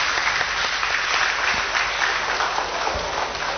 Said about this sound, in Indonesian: Oleh karena itu, terhadap laporan keuangan pemerintah Provinsi Gorontalo tahun 2025, BPK memberikan opini kembali wajar tanpa pengecualian. Kita beri tepuk tangan.